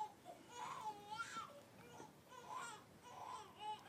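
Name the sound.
baby crying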